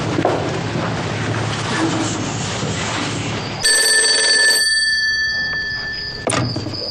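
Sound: telephone ringing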